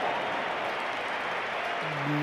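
The football crowd at the Bernabéu stadium applauds Vinicius as he is substituted in a Real Madrid match against Rayo Vallecano, a steady, dense roar of clapping and noise, with a few whistles rising above it near the end.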